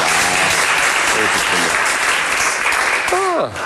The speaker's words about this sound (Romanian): Dacă știam că așa se aplaudă, mai ziceam de astea bunică.